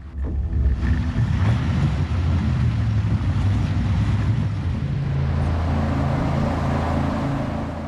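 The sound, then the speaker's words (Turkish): A heavy engine runs steadily and loud the whole time during a river crossing, a low droning rumble with a broad wash of noise over it, kept below 3400 rpm to avoid overworking it. “Motoru fazla çalıştırmamak için 3400 devirin altında kalmalısınız.”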